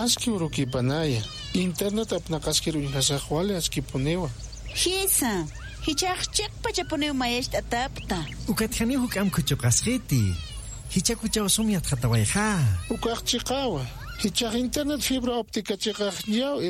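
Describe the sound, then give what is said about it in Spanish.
A cat meows over and over, a steady run of rising and falling cries that fills the whole stretch, fairly loud, with a voice mixed in. “Nayas miau chokasito nakas alhtas harakta.”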